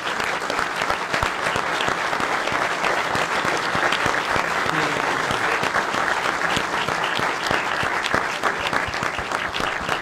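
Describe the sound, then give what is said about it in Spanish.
Steady, dense audience applause for the comedian Gaspi fills the whole stretch, many hands clapping in a continuous crackling wash at an even loudness, with no voices standing out. “Así que, bueno, pido un aplauso para Gaspi.”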